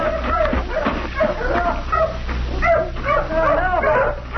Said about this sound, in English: Help! Help! Pull your dogs off, mister! All right, down, down, boys. Down, down. Quiet.